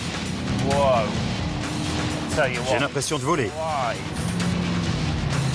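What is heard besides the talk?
sports car engine accelerating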